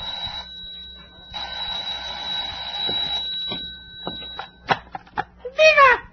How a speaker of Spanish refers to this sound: ¡El teléfono! ¡Contestaré!